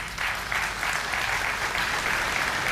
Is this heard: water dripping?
no